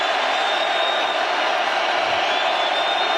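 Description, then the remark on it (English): A stadium crowd at a Raiders football game roars and cheers before a big third down, in a dense, steady wash of noise that holds at an even, fairly loud level for the whole stretch, with no single voice standing out. “The crowd is into it.”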